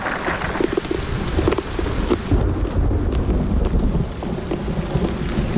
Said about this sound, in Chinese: 还好，这场冰雹只持续了短短几分钟。